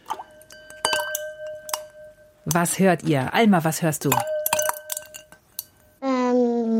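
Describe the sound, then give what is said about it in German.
Ice cubes clink against a glass in a few bright, ringing taps, with short pauses between them, followed by a child's voice speaking clearly. “Eiswürfel im Glas höre ich.”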